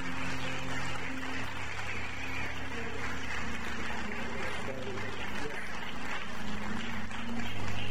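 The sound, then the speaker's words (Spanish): An audience stands and applauds a pastor steadily, a dense wash of clapping that holds at an even, fairly loud level for the whole stretch, with low sustained musical tones humming underneath. “So, si me pueden acompañar, si pueden levantar de su asiento, dar un gran aplauso al pastor”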